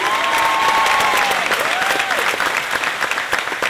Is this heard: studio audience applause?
yes